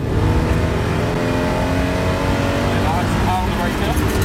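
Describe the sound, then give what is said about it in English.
A race car engine roars loudly and steadily on a track at the moment the car spins out, its pitch climbing as it revs near the end, with faint muffled voices underneath. “And this is the moment that the spin out happened.”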